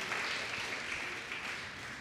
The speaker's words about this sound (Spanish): Denle un fuerte aplauso a Cristo Jesús. Aleluya.